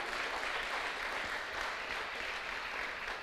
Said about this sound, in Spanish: ¿Cuántos dicen amén? ¿Cuántos dicen gloria a Dios al Señor? Denle un fuerte aplauso al que vive por los siglos de los siglos.